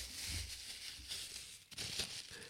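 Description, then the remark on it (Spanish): Steady crinkling and rustling of paper and plastic wrapping being pulled off a mug, a dry, hissy crackle with brief pauses, ending in a sudden sharp thump. “Está envuelta en más papeles y plásticos que nada.”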